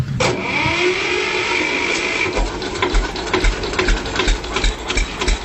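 An old Steyr 15 vintage tractor engine runs with a steady, loud mechanical clatter. A high whine fades after the first couple of seconds, then a low, rhythmic chugging throb carries on. No voices.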